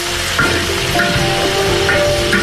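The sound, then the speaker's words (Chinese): Chopped duck meat sizzles and crackles steadily as it is quickly stir-fried in a pan of hot oil, with dense spitting pops and occasional scraping clinks of a utensil stirring it, fairly loud, no voices. “鸭肉切块，放入油锅中快速煸炒”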